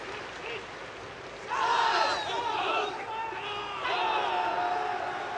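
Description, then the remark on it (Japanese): A large crowd at Hanshin Koshien Stadium applauds as the players of both high school baseball teams, Riseisha of Osaka and Kyoei of Aichi, line up across home plate; a steady wash of clapping swells louder partway through and holds, with voices and faint calls rising over the din. “大きな拍手も起こります。”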